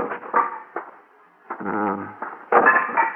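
An axe chops a pile of kindling wood by a barn in a series of sharp, woody cracks at an uneven pace, one blow ringing out a little longer before a final pair of loud, splitting strikes.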